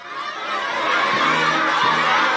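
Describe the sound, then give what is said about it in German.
A large group of children cheers and shouts together in a sustained, loud roar, their high voices blending into a dense crowd sound that swells slightly and stays steady throughout, in front of the Great Hall of the People in China during US President Donald Trump's state visit. “Rote Teppiche, Blasmusik, jubelnde Kinder vor der großen Halle des Volkes.”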